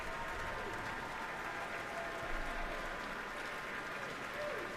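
Sustained applause from a large audience fills a hall, a dense, steady wash of clapping hands that holds at an even level throughout with no pauses.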